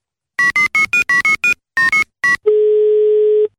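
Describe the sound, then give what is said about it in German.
A quick run of phone keypad dialing beeps as someone phones a man, then a single steady ringback tone sounding for about a second as the call connects. Clear, with no voices. “Rufen wir ihn jetzt an.”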